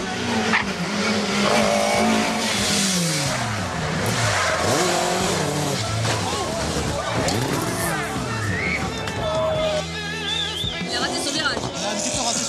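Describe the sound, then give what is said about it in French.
Cars at a historic rally parade past while drifting for spectators, engines rising and falling as tires squeal in long, high-pitched skids. The loud, continuous din carries a crowd's murmur and voices underneath. “Pendant que les voitures continuent à défiler et à drifter pour le plus grand plaisir des spectateurs”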